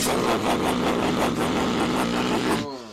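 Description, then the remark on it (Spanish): A loud motorcycle engine roars with a rough, pulsing throb, holding steady for a few seconds before cutting away abruptly. “Una moto.”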